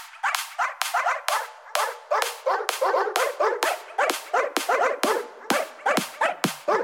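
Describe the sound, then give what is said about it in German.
A person acting as a human dog imitates a puppy with a rapid, steady run of high yips and whiny barks, roughly a dozen in quick succession, fairly loud with no talking. “Oder man legt sich eben gleich einen menschlichen Hund zu.”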